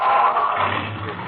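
A car engine revs up and pulls away as the traffic light turns green, with a steady, rushing roar that holds for about a second, fairly loud, with no one speaking.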